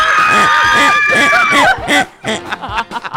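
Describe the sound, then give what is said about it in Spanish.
Several women who have just won a radio station contest let out high, sustained shrieks of joy for a couple of seconds, overlapping one another, then break into excited laughter and chatter. “Otra vez, otro grito de felicidad, chicas, que ya ganó.”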